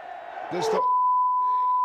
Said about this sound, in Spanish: Ese era el grito, que aquí es un beep, por supuesto.